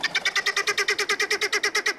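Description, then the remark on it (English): Harsh, rapid helmeted guinea fowl squawks repeat in a steady rhythmic chatter, about eight per second, loud with no pauses, like a frantic ratcheting alarm call. “Helmeted guinea fowl are easily domesticated, but they'll always remain flighty, squawky, birds in a panic.”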